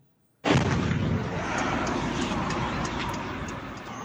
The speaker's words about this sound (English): This is the moment a residential building was hit in Russia's Tatarstan region, more than 1,000 kilometers from Ukraine. At least three people were injured in that strike.